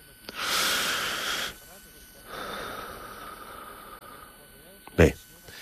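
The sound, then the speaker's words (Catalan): A patient breathes in deeply during a medical examination, with a loud, rushing inhale, then lets out a longer, softer exhale. A brief, sharp snort follows near the end. “Està bé. Respira a fons.”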